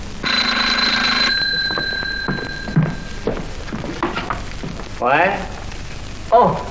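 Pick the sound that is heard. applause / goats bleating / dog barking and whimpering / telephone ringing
telephone ringing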